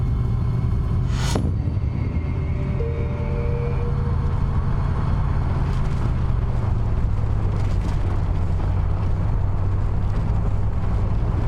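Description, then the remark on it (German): A car drives steadily with a loud, continuous engine rumble and road noise, with a brief sharp whoosh early on; the car is being driven fast toward a shipyard on a hot day. “Fahren Sie bitte langsamer”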